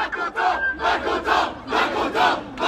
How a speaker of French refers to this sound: Ce n'est pas si souvent que les cris des élèves du collège Saint-Vincent vont cogner contre les briques rouges de la façade cossue de leur école.